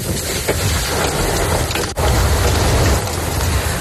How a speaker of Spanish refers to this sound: En el norte de la provincia de Almería así sonaba el granizo en la localidad de Macael.